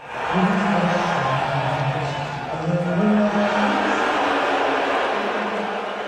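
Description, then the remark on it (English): A large arena crowd at a Knicks–Spurs basketball game boos as Donald Trump appears on the Jumbotron during the national anthem: a loud, sustained roar, a low droning chorus of voices that swells and dips slightly but never stops over several seconds. “they booed louder than they did when the Spurs came on the court.”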